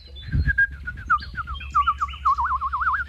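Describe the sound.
A person imitates bird chirping with a quick run of short, high whistled tweets that build into a wavering, warbling trill, fairly loud, with no talking.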